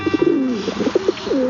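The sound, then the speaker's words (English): A pigeon coos in a soft, throaty series of low, rolling notes, heard clearly with no other sounds around it. “It's hard to think of a more lowly regarded bird than the pigeon.”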